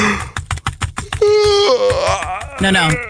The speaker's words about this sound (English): Okay, a little bit of yawning, a little bit of clickety click click, and then that's just actually the sound of someone like legally moving money from taxable to strategically positioned.